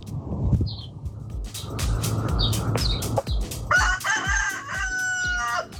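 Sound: rooster crowing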